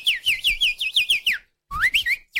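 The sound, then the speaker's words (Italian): A person whistles a fast, bright string of bird-like chirps imitating goldfinch song, fairly loud. After a brief pause, a second burst of warbling notes follows. “Ma senti che è un uccellino? Guarda, è un cardellino.”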